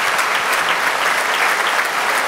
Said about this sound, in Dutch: Het derde horenconcerto van Mozart hier op het openingsconcert van het Maaffestival met Johannes Hinterholzer, de hornist, die een daverend applaus krijgt van het publiek.